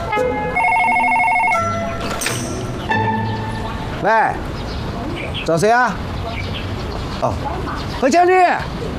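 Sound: telephone ringing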